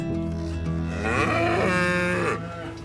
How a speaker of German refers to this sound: Hallo, heute haben wir alles vorbereitet, dass die Kühe zum allerersten Mal für dieses Jahr auf die Weide können. Und wie ihr seht, die stehen hier hinter uns schon und sind ganz aufgeregt und nervös und freuen sich, dass es losgeht.